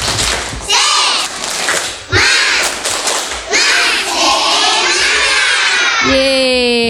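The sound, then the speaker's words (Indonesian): A group of children do a 'tepuk semangat' spirit clap, chanting loudly together while clapping in a quick, steady rhythm, the voices and claps energetic, ending with a drawn-out shout. “Coba biar menambah semangatnya, kita tepuk semangat.”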